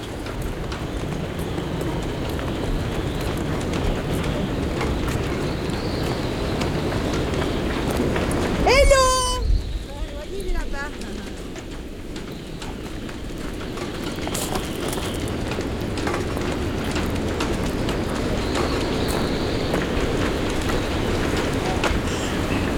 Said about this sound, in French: Mais vous n'avez pas beau temps aujourd'hui. Bonjour. On n'a pas beau temps. Mais c'est la tempête.